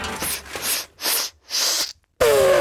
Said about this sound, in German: Oha, hoppala Gesundheit, Elefant. Ja, das war jetzt wahrscheinlich einfach nur ein Nieser, weil hier durch die Explosion eben so viel Staub aufgewirbelt wurde.